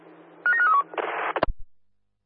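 A telephone rings with a quick run of descending electronic tones, then a harsh buzzing burst and a couple of sharp clicks. It is fairly loud, with no voices.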